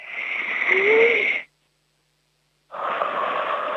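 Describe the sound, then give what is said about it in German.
Two people take a deep breath together to get focused before playing a word game of opposites: a long, loud, airy inhale, a pause of silence, then a strong, drawn-out exhale. No talking. “Wir atmen jetzt nochmal gemeinsam kräftig durch.”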